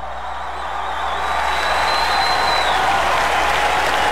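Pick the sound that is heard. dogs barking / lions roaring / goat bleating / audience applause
audience applause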